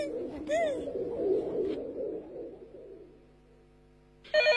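Soft, murmuring coos fill the background, then a loud, bright electronic telephone ring at the Hao family home abruptly cuts in at the very end, piercing.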